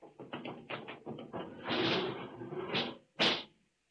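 A door opens, starting with a quick run of mechanical taps and rattles, then a long hissing slide, ending in a sharp, loud thump. No one speaks.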